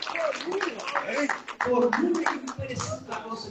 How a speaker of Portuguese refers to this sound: Pega as palmas, glória a Deus, gente! Aleluia!